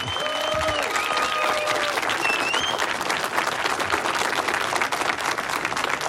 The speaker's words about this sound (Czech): zasloužej si teda za ten výkon potom velký potlesk a pěkný přivítání od nás všech. Můžeme to teď natrénovat, zkusme, oni nás tak neuslyší, ale posluchači ano, aby věděli, jaká je tady atmosféra.